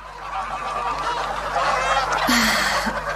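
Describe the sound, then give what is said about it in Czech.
A flock of geese honks continuously and fairly loudly, the overlapping calls forming a busy, steady clamor with a couple of sharper honks standing out near the end. “Běda tomu, koho přistihnu, že chytá husu proto, aby si ji upekl.”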